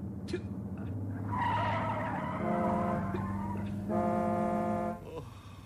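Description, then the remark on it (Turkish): A car's tires squeal in a long, loud skid with shifting pitch as it swerves under hard braking to avoid an oncoming bus, a sustained screech lasting several seconds before cutting off. “Tam zamanında kırdım direksiyonu. Tam zamanında kırdılar. Frene de tam ayarında bastım.”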